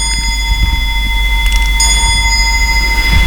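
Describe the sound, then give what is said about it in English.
An old clock, about 200 years old, chimes, its bright metallic tones ringing and lingering, with a fresh strike partway through. A steady low rumble runs underneath, and no one speaks. “Yes, the clock is about 200 years old.”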